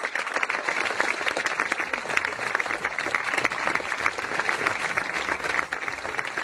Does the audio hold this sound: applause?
yes